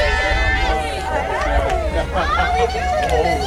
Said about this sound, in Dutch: Het paar brengt een bezoek aan liefdadigheidsorganisaties in Nottingham en het publiek reageert daar enthousiast.